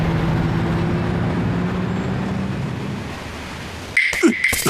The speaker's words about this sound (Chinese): 哇，这里的卡车也太多了吧，偷都要偷到手软。